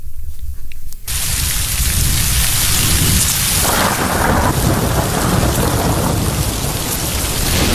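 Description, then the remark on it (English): A dense, roaring downpour of heavy rain in Delhi surges in after a brief quieter moment, with deep thunder rumbling low beneath it, loud throughout, with no voices. “In Delhi, it has been raining incessantly.”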